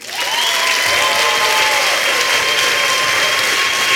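Loud, sustained audience applause for a poet after her first performance in a poetry slam preliminary round, a dense steady clatter of many hands clapping, with a few high whistles or cheers ringing over it throughout.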